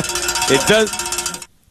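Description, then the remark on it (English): A bell is rung, giving a bright metallic clang with a steady ringing tone and shimmering overtones that hold loudly for over a second before cutting off abruptly into silence. “Thank you for ringing the bell.”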